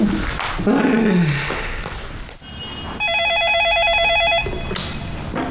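A telephone rings with a rapid, warbling electronic trill in one loud burst lasting just over a second, following a low, sliding rumble and background noise, with no talking.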